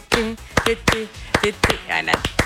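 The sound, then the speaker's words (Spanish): Several sharp hand claps, meant as palmas for a cueca, land unevenly over a couple of seconds, out of sync with one another, while voices talk and laugh alongside them. “Pero no nos coordinamos con las palmas, pues casi.”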